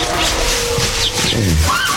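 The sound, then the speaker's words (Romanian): A frightened horse, cornered by a wolf in forest thickets, neighs in a short, strained burst over a dense, rumbling background, with wolf howling, followed by a rising animal cry near the end. “Era urlet de lup și nechezat înspăimântat.”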